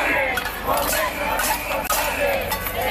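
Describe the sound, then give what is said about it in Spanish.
About a hundred protesters at a housing protest in the Plaza Porticada, Santander, Cantabria, jingle keys held aloft all at once, a steady, bright metallic clinking and rattling that runs without pause, mixed with a murmur of voices underneath. “Con sus llaves en alto, se han avisado también que Cantabria no se vende, Cantabria se defiende.”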